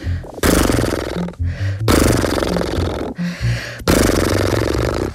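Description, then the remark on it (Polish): Three long, loud lip trills done as a speech exercise: horse-like snorts made by blowing through fluttering lips with a voiced hum underneath, separated by quick breaths between them. “Teraz przyszedł czas na parskanie.”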